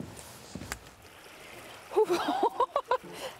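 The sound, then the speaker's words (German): Bare feet splash through the cold water of the Bode river during Kneipp wading after a day of hiking, a quick run of four or five splashes after a quiet stretch of faintly running water. “Und noch besser, vielleicht wenn man sie irgendwie in kaltes Wasser oder so packen kann, ein bisschen zum Schonen.”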